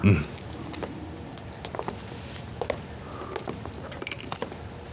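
Keys jangle and clink in short, irregular bursts, with a brighter metallic rattle near the end over a low background hum.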